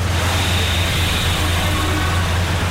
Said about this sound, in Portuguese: Trânsito. Monitorando o trânsito aqui na cidade do Rio, as principais vias expressas, para te contar como é que tá o trânsito.